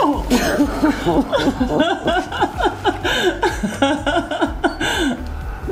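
A woman's emotional sniffling mixed with shaky, tearful vocal sounds that waver between sobbing and half-laughing, continuing steadily for several seconds without clear words.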